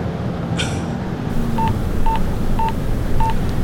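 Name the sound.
telephone number being dialed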